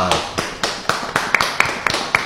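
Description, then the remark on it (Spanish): Steady, rhythmic clapping welcoming three guests: about nine sharp, evenly spaced claps at a brisk pace, moderately loud, with no voices over them. “Fuerte ese aplauso.”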